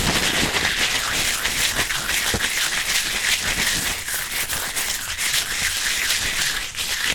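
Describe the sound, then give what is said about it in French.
Crepe paper being crumpled, a continuous dense crackling and rustling with many sharp crinkles throughout, steady and fairly loud with no voices. “Et si on le froisse?”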